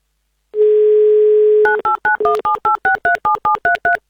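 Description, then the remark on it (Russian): A steady telephone dial tone hums for about a second, then a number is dialed as a quick, even series of about a dozen short two-note touch-tone beeps at varying pitches, as Avtoradio calls a listener. “мы вам звоним.”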